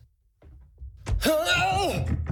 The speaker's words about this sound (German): Entschuldige, ich hab den Karton hier übersehen und bin gestolpert.